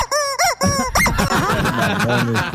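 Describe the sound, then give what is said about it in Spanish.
A rubber chicken toy lets out a string of shrill, wavering squeaks and honking squawks, several quick bursts followed by a longer strained cry, loud and alone. “Jefe, a sonar el pollito, jefe. Sonar el pollito.”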